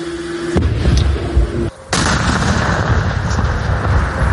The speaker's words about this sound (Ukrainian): Далі всі прямують в укриття, після чого сапери здійснюють підрив. Приготуватись. Готовий.